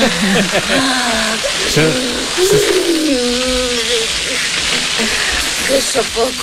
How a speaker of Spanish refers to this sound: Uy, soy el único que escucha una freidora en lugar de una manguera. Es como si Carmen Maura se estuviera friendo unas croquetas de parecido, alguna manera.